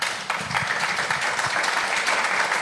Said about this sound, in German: jetzt gibt es den Applaus hier im Berliner Publikum und das ist auch in Ordnung